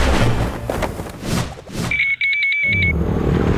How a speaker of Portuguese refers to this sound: Amor, ouviu essa moto? Deve ser um entregador.